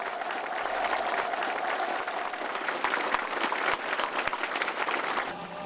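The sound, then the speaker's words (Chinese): A large audience claps steadily and loudly for several seconds at a song performance attended by Xi Jinping and Kim Jong Un, who applaud the performers; a dense, sustained wash of applause without pause, no voices standing out. “耳熟能详的歌曲引起全场强烈共鸣，赢得阵阵掌声。”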